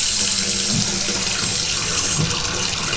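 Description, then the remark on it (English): Hot water gushes steadily from a bathtub tap, turned back on with the toes by someone lying in a warm tub, a continuous rushing hiss with no pauses, holding an even loudness throughout. “I'm going to turn the hot water back on here with my toes.”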